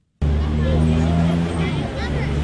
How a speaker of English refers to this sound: At 8.30 in the morning outside Freeman's Bay School in Auckland CBD, cars are queuing up, getting as close as they can to the school's gates. Children are beginning to walk across the zebra crossing, with commuters speeding past on their way to work.